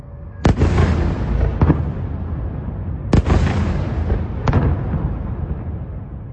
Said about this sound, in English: The last few months have seen Russia catch up with Ukraine in drone technology, and every day its new Garand 5 jet-powered attack drones smash into Ukraine's cities, and chiefly, of course, Kyiv, as in the case of this nighttime attack.